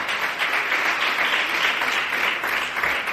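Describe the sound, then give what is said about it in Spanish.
A crowd applauds the Lord and his name steadily and loudly for about three seconds, many hands clapping at once in a dense, even roar with no voices standing out. “Denle un fuerte aplauso al Señor, a su nombre.”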